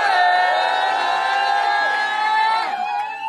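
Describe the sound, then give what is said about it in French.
A live audience at the Bistrot Vapeur in the Bauges cheers and whoops loudly for Radio Alto during a live broadcast, about three seconds of sustained high-pitched shouts and hollers that hold steady, then waver and trail off toward the end. “Vous voulez faire un peu de bruit là pour la Radio Alto?”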